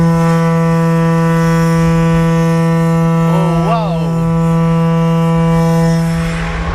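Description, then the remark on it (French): A huge foghorn, 6.5 m long with a 1.2 m diameter mouth, of the kind once used on ships, sounds at the south port of Ramonville: one long, loud, deep blast, its rich buzzing tone holding steady for several seconds with a brief wavering wobble in pitch partway through. “Alors ici, on vient d'entendre une corne de brume de 6,50 m de long, de 1,20 m de diamètre à l'embouchure.”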